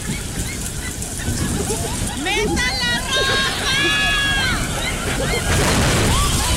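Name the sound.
rain pouring down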